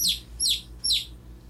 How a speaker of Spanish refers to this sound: ¿Usted sabe cómo hace el pollito?